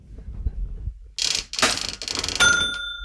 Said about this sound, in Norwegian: Ja, den lyden der, den nok mange år siden mange har hørt. Et gammelt kasseapparat her inne i Kleivbutikken i Brekkeparken